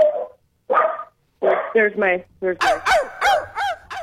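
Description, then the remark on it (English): A dog barks repeatedly and fairly loudly, starting with a few spaced barks and then a rapid run of sharp, high-pitched yaps; it is one of two dogs, whose barking sets off the other dog, Hillary. “There's my one dog barks, it makes Hillary bark.”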